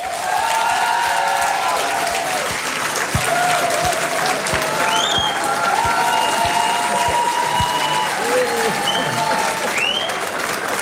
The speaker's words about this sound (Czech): Děkuji. Musím říct, že mě pochopitelně potěšil ten aplaus, ale myslím, že musíme posluchačkám a posluchačům sdělit i to, že zde je obsluha a v případě mého jména dokonce i jedna barmanka zatleskala, což odkazuje, ano, děkuji mnohokrát.